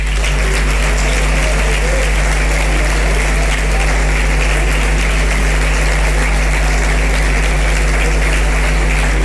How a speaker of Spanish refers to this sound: Por aquel entonces era concejal de Carnaval de las Palmas de Gran Canaria, Roque Díaz, al que le vamos a dar la bienvenida también con este fuerte aplauso, por favor.